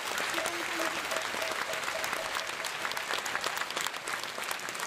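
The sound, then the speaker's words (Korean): A crowd applauds steadily for several seconds to welcome the head of the Korean Buddhist Taego Order's administration for a congratulatory address at the 2026 Jeongseon Ullim Hanmadang Yeongsanje and cultural festival in Jeongseon, Korea. A dense wash of many hands clapping at once, fairly loud and continuous, with faint voices murmuring underneath. “사부대중께서는 우레와 같은 박수로 맞이해 주시기 바랍니다.”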